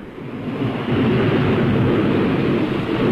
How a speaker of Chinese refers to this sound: 风暴雷雨袭击着小岛，而就在这当口，雷纳托带领的人们也赶到了。